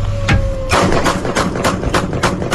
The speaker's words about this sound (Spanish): Afuera de la casa, balazo.